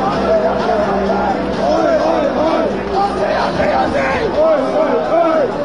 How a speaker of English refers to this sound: have been chaotic scenes at Melbourne's Federation Square this morning. Thousands of soccer fans have stormed barriers, pushing past police and security to get in on the World Cup action. The crowd crush left many trapped before flares were set off.